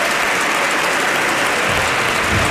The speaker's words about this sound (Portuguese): Também agora aplaudido José Pedro Aguiar Branco.